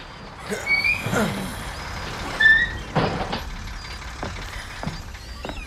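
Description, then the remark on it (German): A shabby bus rumbles to a halt at a large semicircular square by the Gilman House building, a brief brake squeal followed by a sharp hiss of air brakes, then the engine idles with a few softer clunks. “Der Bus hielt.”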